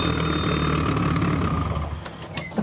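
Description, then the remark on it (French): A loud car engine with hood-mounted exhausts idles with a steady, rough rumble and a faint whine, without a break for the whole stretch, and no one speaks. “Ah, effectivement, les échappements sur le capot, ça fait un peu de bruit.”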